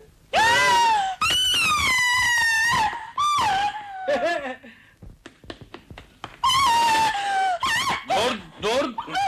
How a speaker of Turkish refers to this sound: Vapur düdüğü gibi ne bağırıyorsun ya? Duyan da biri boğazlıyor sanacak.